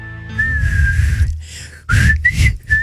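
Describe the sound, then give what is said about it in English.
A person whistles a short melodic movie theme tune, with sustained wavering notes, a brief pause, then a few quicker rising phrases. “You can't do the whistle, but you can play the theme on the piano.”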